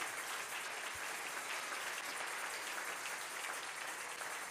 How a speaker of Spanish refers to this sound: Dele ese aplauso al Rey.